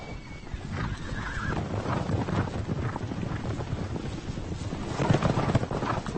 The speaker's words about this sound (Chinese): 就在这个时候，一群科尼卡野马跑了过来，他们包围了一头小鹿。